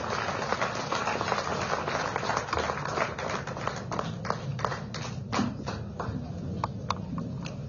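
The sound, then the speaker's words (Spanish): A crowd applauds Evo Morales at the anniversary of the municipality of Villa Tunari in the tropics of Cochabamba, clapping steadily throughout, a dense patter of hands that grows into sharper, more distinct claps toward the end, moderately loud. “Lo aplaudimos con fuerza, por favor, a nuestro hermano Evo Morales Aima.”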